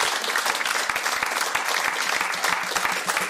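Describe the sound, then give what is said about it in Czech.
An audience applauds steadily, a dense, even wash of many hands clapping at a fairly loud level with no voices standing out. “Zatleskáme Šimonu Ornestovi.”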